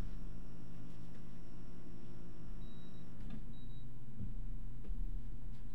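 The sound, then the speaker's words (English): A steady, droning air conditioner hum in a basement gives a low mechanical rumble; a thin high whine cuts out midway as the air conditioner is switched off, while a few faint clicks sound, and no one speaks. “Hold on, I gotta turn off the air conditioner.”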